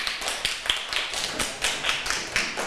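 crowd, students clapping

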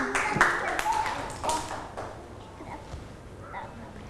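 crowd, children clapping hands

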